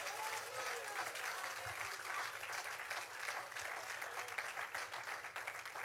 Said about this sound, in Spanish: Si le va a aplaudir al Señor, apláudale bien fuerte y hasta un buen grito de júbilo puede dar.